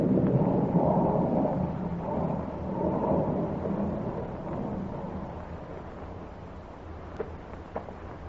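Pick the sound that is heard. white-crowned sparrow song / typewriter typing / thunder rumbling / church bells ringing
thunder rumbling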